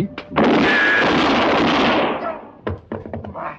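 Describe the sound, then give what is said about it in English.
A gunshot cracks out suddenly and loudly, its harsh burst of noise ringing on for nearly two seconds before fading. A few short, clipped vocal sounds follow. “Shoot the winner in the back. Dirty pig. You shoot a hole in my hand.”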